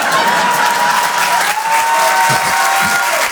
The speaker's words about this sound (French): C'est-à-dire que, si vous voulez applaudir, faites-le en groupé!